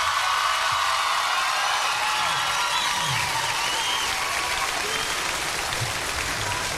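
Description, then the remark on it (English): A concert audience applauds a band steadily, a dense, sustained wash of clapping hands at a consistent loudness for several seconds, with a few faint whoops underneath. “Give a big round of applause to my band up here, ….”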